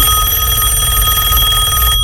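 A loud, steady electronic ringing fills the whole moment, a telephone ringing with a bright, buzzing tone and no voices over it, cutting off abruptly at the end.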